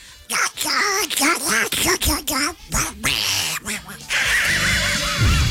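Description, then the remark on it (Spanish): A voice imitating a duck speaks in a nasal, quacking duck-like voice, a quick run of squawky syllables with short pauses, ending under a brief burst of hissy noise. “con la voz del pato.”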